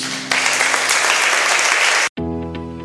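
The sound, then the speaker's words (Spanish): Loud, dense applause from a crowd, steady clapping for about two seconds before cutting off abruptly, followed by a brief tonal musical passage. “Te damos nuestra sublime adoración. Con un aplauso, Jesús.”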